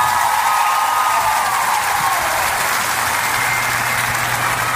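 Sustained audience applause, a dense steady wash of many hands clapping at an even loudness throughout, with no voices speaking over it.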